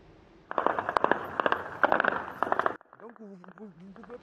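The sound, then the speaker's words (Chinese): A dense, rapid burst of sharp gunshots crackles loudly for about two seconds in Niamey, the capital of Niger, after 6 a.m. on the 29th during an attempted army mutiny, then stops abruptly as a person begins speaking. “有民众拍摄到首都尼亚美多地在29号清晨6点后传出密集枪声。”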